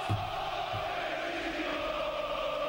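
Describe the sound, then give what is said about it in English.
A large stadium crowd roars and cheers for the Egyptian team during a match against Argentina, in a dense, steady wash of voices that holds at an even loudness throughout, with no single voice standing out. “But Rodrigo De Paul, it's a cheering for the Egyptians.”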